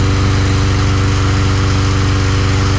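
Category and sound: machine, lawn mower engine running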